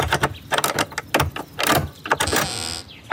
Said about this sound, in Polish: A któż to tam tak do drzwi łomoże?